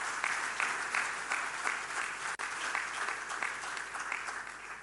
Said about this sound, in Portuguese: Queria, por isso, pedir mais uma forte salva de palmas por este ato.